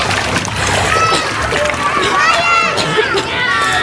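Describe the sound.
Continuous water splashing and sloshing as someone jumps into the water, grabs a person and pulls them up and out, with strained, wordless voices and cries mixed in throughout.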